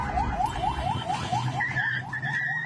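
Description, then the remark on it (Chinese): Car alarms blare together at the Shalamcheh border crossing in Iran during a US military strike, one rapidly warbling up and down in a steady repeating cycle while a second, higher-pitched alarm joins partway through, with a low rumbling noise underneath. “沙拉姆切赫边境口岸在美军袭击之际升起浓烟，车辆警报声四起，人群发出尖叫声，向各处奔跑逃散。”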